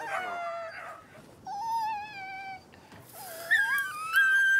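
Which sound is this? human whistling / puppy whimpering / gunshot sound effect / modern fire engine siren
puppy whimpering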